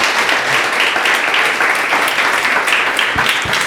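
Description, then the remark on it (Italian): Sustained applause from an audience, a dense wash of many hands clapping at steady loudness throughout, full, with no voices standing out. “Grazie, un applausissimo per tutti.”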